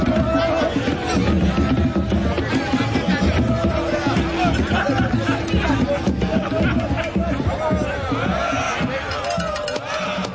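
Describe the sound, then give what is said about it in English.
A large crowd roars and cheers wildly, a dense, loud wall of overlapping voices and shouts that holds steady for about ten seconds without letting up. “crowd goes wild.”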